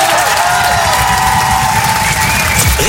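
A large audience applauds loudly and steadily, a dense wash of clapping mixed with some cheering that carries on without a break, with no talking over it.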